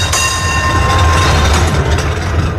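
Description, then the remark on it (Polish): A historic tram car rumbles steadily along the rails of a museum line in Kraków, with a deep low drone, metallic rolling noise and a thin sustained high whine, loud throughout with no voices. “4 historyczne wagony, które w ramach tego projektu trafiły pod Wawel, będą woziły przez najbliższe tygodnie mieszkańców i turystów na trasie krakowskiej linii muzealnej.”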